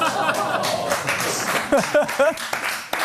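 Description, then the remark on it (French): A small group claps in a steady, dense patter throughout, with a few voices calling out briefly over the applause near the middle. “C'est putain, le premier applaudissement de notre histoire ici.”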